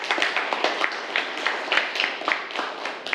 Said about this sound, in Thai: ปรบมือให้กับเพื่อนนะครับ